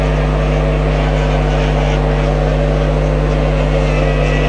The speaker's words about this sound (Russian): дали провести круг для того, чтобы прогреть моторы прогоночные. Круг, я думал, все-таки прогревочный будет в один круг, но дали здесь сделать два круга, и отсчет начался.